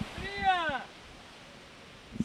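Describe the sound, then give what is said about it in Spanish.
Beach ambience at Playa de la Victoria in Cádiz with a soft, steady wash of pleasant breeze and surf as people wade into the water; a voice calls out briefly near the start, then only the low, even rush remains. “Desde la playa de la Victoria. Con un vientecito muy agradable que está sonando, con la gente que va metiéndose en el agua, con quienes están sentados en las sillas”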